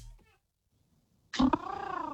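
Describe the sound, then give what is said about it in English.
A caller's voice imitates a pigeon with a loud, warbling, throaty coo after about a second of near silence, rising sharply and then wavering in a steady pulsing rhythm. “I believe we got a pigeon to talk to right now. A pigeon, go to the pigeon.”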